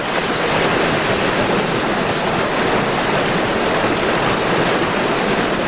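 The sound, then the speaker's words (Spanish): Steady, loud rush of the Gallo River, a tributary of the Tajo, tumbling over small waterfalls in a deep red canyon, a dense continuous roar with no voices and no change in intensity throughout. “Este es el río Gallo, saltos de agua del río Gallo y sobre todo los ríos que había antes del Gallo son los que han creado este barranco que está tan hundido, tan espectacular, tan rojo con estas formas.”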